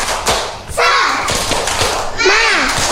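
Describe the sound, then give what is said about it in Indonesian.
A group performs the 'tepuk semangat' clap during an RRI radio broadcast, clapping together in a quick, steady rhythm, sharp loud slaps repeating over a few seconds while children's voices chant and call out along with the beat. “Yuk kita tepuk semangat.”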